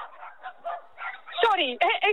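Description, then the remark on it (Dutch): Talking at first, then dachshunds break into a few sharp, high barks, two quick bursts near the end that rise over the voices. “Zo gauw er eentje voorbij komt, gaan ze weer blaffen naar elkaar.”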